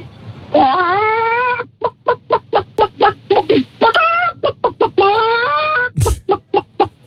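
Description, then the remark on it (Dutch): A child's voice imitates a chicken after being asked which animal they can imitate, starting with a drawn-out squawk followed by a rapid series of short, clipped clucking bursts, loud, with a couple of longer squawks mixed in. “Welk dier kan jij nadoen? Kip.”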